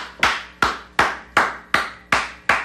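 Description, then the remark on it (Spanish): Seven sharp, evenly spaced hand claps ring out at a steady rhythm, each a crisp slap with a short fading tail, with no voices; an applause sound effect played for a listener on a radio music program. “Aplausos, mi amigo.”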